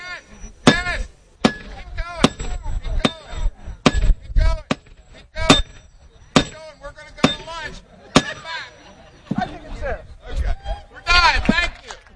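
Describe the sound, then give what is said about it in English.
People take turns hammering a shiny spike into a railroad tie near the end of the tracks at the yearly train day celebration in Lewis, about a dozen sharp, ringing metallic blows at an uneven pace, while a crowd murmurs and chatters around it. “was one of several to take their turn hammering a shiny spike into the railroad tie near the end of the tracks, something that has become a tradition during Lewis's train day.”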